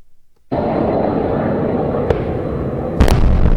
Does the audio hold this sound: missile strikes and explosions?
yes